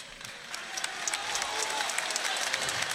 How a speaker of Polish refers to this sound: Wielkie brawa, moi drodzy!